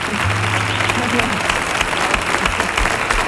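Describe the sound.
A crowd at the Comandante Lara show claps steadily and loudly throughout for the guitarist, a dense wash of applause with a few voices calling out faintly underneath.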